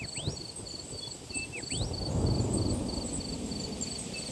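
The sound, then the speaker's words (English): A low rumble of thunder swells and rolls for several seconds as the rain gets ready to fall at sunset in a gully, with crickets trilling steadily and a few rising bird whistles near the start. “And by the sound of the sky, the rain is getting ready to fall.”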